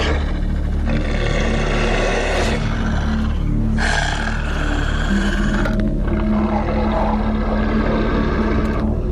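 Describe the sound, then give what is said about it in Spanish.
Wolves growl and snarl while feeding on a reindeer, baring their fangs, in a loud, continuous rumble, several harsh overlapping voices rising and falling over about nine seconds, with no talking. “Gruñendo y enseñando los colmillos, cada lobo fortalece su posición dentro de la manada.”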